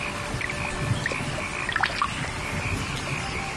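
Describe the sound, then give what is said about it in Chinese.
Raindrops from a summer midday shower patter steadily onto a wet early rice field and its water in Guangdong, with a few sharper individual splashes standing out against the even, moderate hiss of the rain. No voices. “夏天怎成正午阵，听雨滴溅起早稻清香。”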